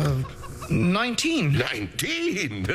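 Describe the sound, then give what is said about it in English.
A chicken clucks loudly in a theater audience at the end of a play's act, a quick run of squawky, rising-and-falling clucks that sounds almost agitated, filling the short moment with no other sounds. “Well, that would explain the clucking sound I heard at the end of Act 3.”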